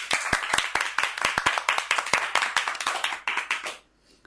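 A group of children claps loudly, a dense, fast patter of many hands for about three and a half seconds, thinning out and stopping abruptly. No one speaks.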